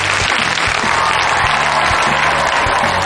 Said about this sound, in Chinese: 那另外呢，还有来自我们各个俱乐部的朋友们，同样把掌声送给他们。